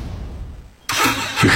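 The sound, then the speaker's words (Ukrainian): A car engine rumbles low for under a second, then bursts into a loud, roaring rev that holds and swells again toward the end, with no voices. “Газуємо!”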